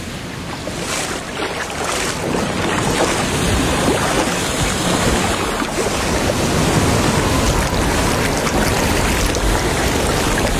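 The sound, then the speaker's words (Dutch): Waves of a warm, shallow tropical sea wash and churn steadily, a loud continuous surf with some wind noise over the microphone, and no voices. “Lekker warm, hè, het water. Ja, het is een tropische zee, hè.”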